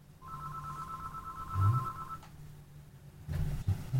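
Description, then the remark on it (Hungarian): A telephone ringback tone sounds steadily for about two seconds as a call connects, a clear sustained tone over low background hum, followed by a pause and some faint line noise. “Remélem, kapcsolatban a telefont,”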